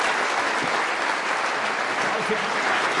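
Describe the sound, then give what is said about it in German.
Sustained audience applause for Florian Schröder, a dense steady wash of many hands clapping at an even loudness throughout, with no pauses or breaks. “Florian Schröder, großen Applaus.”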